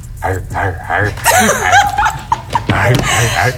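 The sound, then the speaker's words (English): A person gives a couple of short, sharp barking yelps, imitating a dog, amid other voiced sounds and chuckling noises, fairly loud. “Would you bark for me?”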